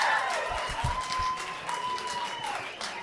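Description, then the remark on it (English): A comedy club audience applauds steadily for about three seconds in answer to a call for the women who like ladies' night out, a dense patter of hand claps at fairly even loudness, with a thin sustained whoop or whistle running above the clapping. “Women, by round of applause, who likes it when it's ladies' night out, when you leave the twig and berries behind for the night?”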